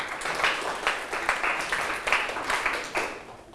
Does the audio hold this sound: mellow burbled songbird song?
no